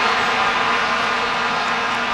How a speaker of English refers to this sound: FIFA has banned vuvuzelas from the World Cup. Those Good. Are those long plastic horns.